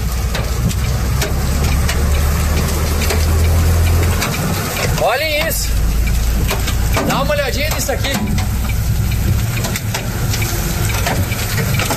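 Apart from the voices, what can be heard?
large hailstones falling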